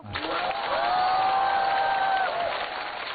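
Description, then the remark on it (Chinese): An audience applauds steadily for a few seconds, a dense, even clapping, with a sustained rising whistle or cheer carrying over it before it begins to fade. “鼓掌的观众，我祝你们幸福。”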